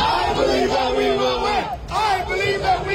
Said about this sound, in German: Allerdings, so klingen FCM-Fans an einem Regentag. Also in Sachen Kräftigkeit können die sich da noch einiges von uns abgucken.